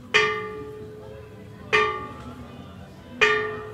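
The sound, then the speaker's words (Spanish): Bells from the bell tower of the church of Nuestra Señora de Santa María del Rosario ring out in three evenly spaced strikes, each a bright metallic clang with a rich stack of overtones that hums and slowly fades before the next. “Son las campanas, precisamente, de un campanario que perteneció a la iglesia Nuestra Señora de Santa María del Rosario y que sonaron cuando don José de San Martín nos brindó ese primer grito emancipador, ese primer grito de independencia.”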